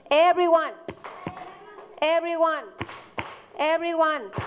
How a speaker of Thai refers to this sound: everyone ตบมือค่ะ